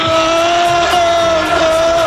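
A large crowd of Liverpool supporters roars and chants together after Poli Rincón went on stage, kicked the drum kit and took the drummer's drumsticks, a loud, sustained wall of voices with drawn-out shouted tones carrying steadily from start to finish.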